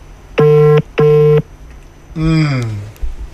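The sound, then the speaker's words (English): Two steady electronic ringback tones of an outgoing phone call, evenly spaced and fairly loud, followed by a short voice with a falling pitch as the line is answered. “Ringing.”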